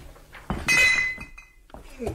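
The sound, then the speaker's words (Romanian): Glass bottles clink together, a sharp knock followed by a bright ringing clink that fades, then a softer bump of glass near the end. “Uite-l și pe stăpân. Nu-l vedeam de sticle.”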